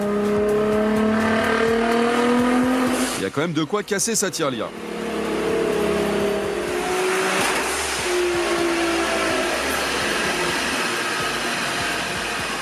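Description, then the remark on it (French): A powerful 1000-horsepower car engine revs loudly, its pitch climbing and surging with one sharp roaring burst, while a man talks over the constant din. “Je peux dire que c'est tellement déchirant que je crois que... Il fallait pas.”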